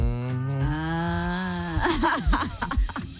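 A calf lets out a single long, steady, loud moo, then a person starts talking right after it fades.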